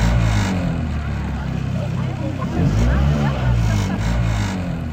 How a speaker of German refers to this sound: Also das ist ein Motor, der gibt so ein bisschen Gas, drumherum sind Leute. Geht's heute um Rasenmäher? Nein, das war ein ganz besonderes Boot von der Wasserwacht.